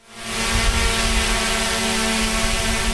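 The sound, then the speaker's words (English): A drone (unmanned aerial vehicle) whirs steadily overhead, its buzzing motor hum rising quickly and then holding constant. No one speaks. “That whirring sound is a sure sign of an unmanned aerial vehicle, also known as a UAV and more commonly referred to as a drone.”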